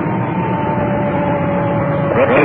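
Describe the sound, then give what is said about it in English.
A dispatched ambulance's siren holds a steady, mid-pitched tone over a constant engine rumble, then begins to rise and waver into a wail near the end. No one speaks. “There's our siren. We just got it in.”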